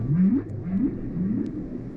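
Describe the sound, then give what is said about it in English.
Humpback whale song: three low, moaning upsweeps in a steady repeating pattern, each rising in pitch, over a constant deep rumble with no talking. “Such an incredible sound.”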